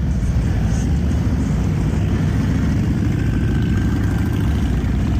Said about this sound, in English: there was no traditional Memorial Day parade along Broadway in Alexandria this year, the Freedom First Riders chapter of Abate of Minnesota held a special Memorial Day motorcycle ride yesterday in downtown Alexandria. This is what it sounded like.